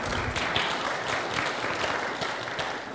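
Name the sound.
audience applauding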